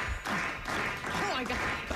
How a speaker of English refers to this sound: Listen to this crowd. Listen to this crowd.